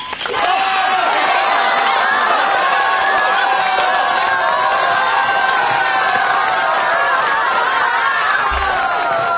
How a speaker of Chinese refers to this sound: 欢迎参加紫云英音乐会，同学们、老师们、父老乡亲们，让我们用最热烈的掌声和欢呼欢迎我们的紫云英合唱团走进盛开的花田。